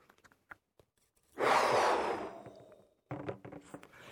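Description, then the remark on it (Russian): A long, forceful exhale into a balloon blows for about a second and a half, steadily fading, then a shorter burst of breathy, rubbery noise follows. No one speaks. “А теперь выдохнуть надо в шарик.”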